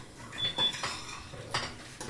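A teaspoon scrapes repeatedly around the edge of a pot, collecting a cooking sugar mixture from the rim while it is stirred, producing several short metallic scraping strokes, with no voices present.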